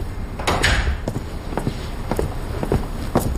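A door being opened, with a handful of sharp clicks and knocks from the latch and frame, irregularly spaced, over a low background rumble.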